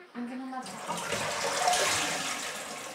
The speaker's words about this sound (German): Wenn ich öffne, guck mal, die ganze Zeit läuft das Wasser.